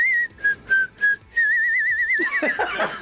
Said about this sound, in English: But I whistled the melody because I couldn't sing it.